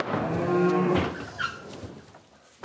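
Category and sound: animal, mother cows mooing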